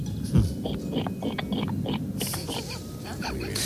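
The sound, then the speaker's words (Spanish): A person imitates a pig with a series of low, rough grunts and snorts, with breathy bursts and a short squealing snort near the end. “Bueno, pues yo sé imitar a la gallina y al cerdo. Ah, pues empecemos por el cerdo, ¿por qué no?”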